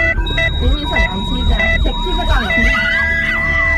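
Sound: ambulance siren in traffic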